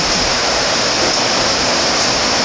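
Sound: heavy rain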